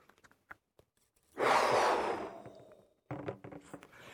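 One long, forceful exhale blown into a balloon as a breathing-training exercise, lasting about a second, then softer scattered rustling noises after a short pause.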